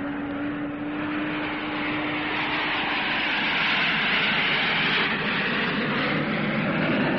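A loud, steady roar of aircraft engines builds as a plane takes off, a broad rushing drone with a low whine that swells slightly and holds for several seconds, no voices.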